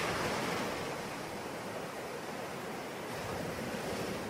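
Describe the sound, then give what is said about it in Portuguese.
Steady roar of ocean surf washing onto the shore, a broad continuous wash with gentle swells in intensity and no voices, sounding full. “Bom, mesmo que você não tenha o privilégio de morar à beira-mar, faça como eu, como o nosso Viva Maria de hoje, que é um convite para que você se deixe levar pela força das ondas, das marés”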